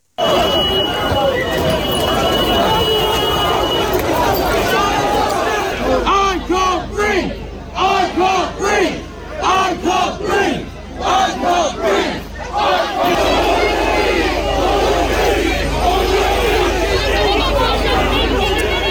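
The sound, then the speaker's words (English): A protest crowd in Southampton shouts continuously, many voices overlapping in loud, rough chanting and yelling that surges and dips in bursts before swelling again, with no clear single speaker. “It is such a sad, heartbreaking case, but it's sparked a lot of conversations and a lot of division around the country, including protests over in Southampton near where Henry was killed.”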